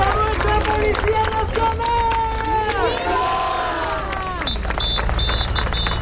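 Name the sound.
protest crowd chanting slogans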